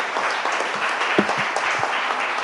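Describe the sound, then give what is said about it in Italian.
A crowd at a europeisti.eu political gathering applauds steadily for a co-promoter of the group, a dense wash of many hands clapping at an even, sustained level with no voices standing out. “e adesso proseguiamo l'applauso per Bianca Ermanin, copromotrice di europeisti.eu a Roma.”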